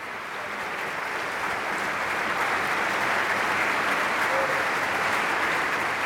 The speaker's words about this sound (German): Für den Applaus bedankt sich Vokalharmonien mit einer Zugabe, die in Schweden fast jeder kennt, der Sommerpsalm von Valdemar Orlin.